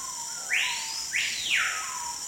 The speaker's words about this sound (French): Pourtant, ce petit oiseau difficile à voir ne vit qu'en Amazonie.